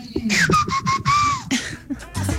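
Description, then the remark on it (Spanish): A woman whistles a song melody, one clear sustained line gliding up and down for about a second, with some rustling background noise around it. “Eso, no sé a qué canción pertenecía el chiflido.”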